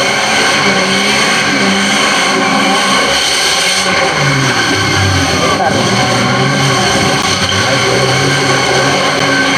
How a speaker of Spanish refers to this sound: Mientras los camiones se siguen unos a otros, la pista se vuelve intransitable.